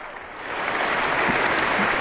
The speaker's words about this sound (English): The audience has leapt to its feet, warmly applauding and cheering Rafael Payare and the orchestra.